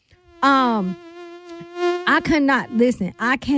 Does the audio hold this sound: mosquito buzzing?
yes